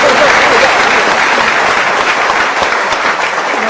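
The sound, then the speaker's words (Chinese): The men in a live audience applaud steadily, a dense wash of many hands clapping at once that stays loud and even throughout without a break, with no distinct voices standing out. “所以咱们男同胞给鼓鼓掌， 给男同胞给鼓鼓掌。”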